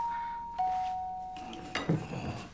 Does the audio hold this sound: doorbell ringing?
yes